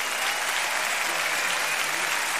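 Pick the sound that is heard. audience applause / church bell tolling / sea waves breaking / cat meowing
audience applause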